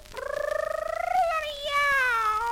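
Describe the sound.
A human voice imitates a cat's meow: one drawn-out, nasal, tuneful cry that wavers at first, climbs in pitch, then slides back down over about two seconds.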